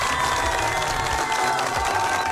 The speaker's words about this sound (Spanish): Fuerte los aplausos para las personas que participaron de esta adivinanza.